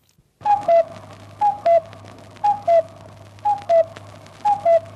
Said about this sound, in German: 21 Luftschutzräume gab es während des Zweiten Weltkriegs in Wien. Sie mussten aufgesucht werden, wenn dieses Signal im Volksempfänger erklang, der sogenannte Kuckuck.